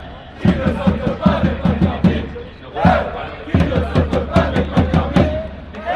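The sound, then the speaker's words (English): A loud KC esports crowd at a LAN event cheers and chants, driven by fast, steady claps or stomps that pulse throughout, with a brief dip before the rhythmic roar picks back up. “So much louder. Really? Amazing, especially in the KC crowd.”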